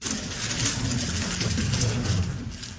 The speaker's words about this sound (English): That is the clicking sound of a Rubik's Cube being speedily solved by a six-year-old.